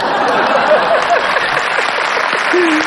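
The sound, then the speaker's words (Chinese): Steady, dense audience applause, loud and even throughout, a crackling wash of many hands clapping, with a brief faint voice-like tone rising through it near the end. “只要我站在这个舞台上，有人热烈鼓掌，我就很满足。”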